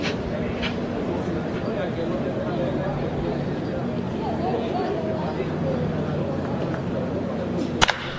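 A single sharp, loud crack of a bat solidly hitting a baseball into a line drive that goes slightly foul rings out near the end, over a steady murmur of a crowd in a ballpark during a baseball game.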